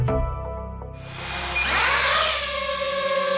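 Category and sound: machine, drone flying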